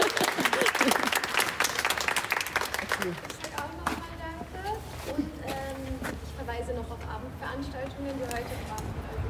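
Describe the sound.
A group being bid farewell claps loudly for a few seconds, a dense burst of applause that quickly thins out, followed by a person talking over a steady low hum.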